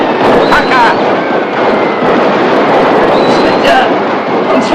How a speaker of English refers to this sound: As the abandoned box of fireworks continues to blast in golden sprays of explosions, the zebra trots into the rescue.